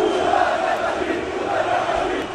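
Barça football fans chant and roar together as the Barça team bus arrives, singing against Real Madrid amid smoke, a dense, continuous wall of massed voices with steady loudness and no pauses throughout.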